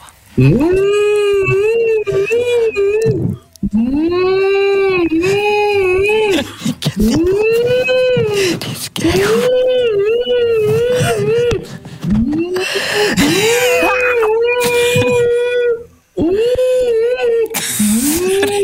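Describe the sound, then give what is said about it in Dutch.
A person mimics whale song, stringing together long, wavering moans that swoop up and down in pitch, phrase after phrase, separated only by short breaths. “Dus, twee walvissen zitten op café. Zegt de ene walvis tegen de ander”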